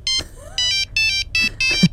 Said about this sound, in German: Als die Handys noch so klangen.